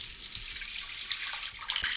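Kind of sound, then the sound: household object, water running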